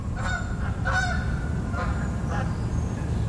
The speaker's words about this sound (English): I'm sitting on my deck in Bellingham in Washington, and the birds have grabbed my attention like they usually do. In this case, a flock of Canada geese flying over. How perfect was that?